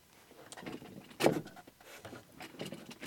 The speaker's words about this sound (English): You hear those chair sounds? That was me. Trying to make sure the chair isn't on top of what I was trying to connect to the computer.